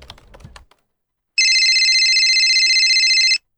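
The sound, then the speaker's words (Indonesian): A few quick keyboard taps, then a pause before a loud, steady electronic phone ring sounds continuously for about two seconds, close and clear, with no voices. “Hingga suatu siang, sebuah telepon datang.”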